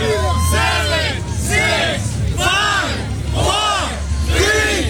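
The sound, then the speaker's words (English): A crowd of hundreds cheers and shouts encouragement for a man going for a full minute that ends with a chin-up, many voices rising together in repeated bursts of yelling over a constant roar of noise, loud throughout. “Well, with hundreds cheering him on, he not only went for the full minute, but finished with what appeared to be an effortless chin-up before dropping to the ground to the cheers of the crowd.”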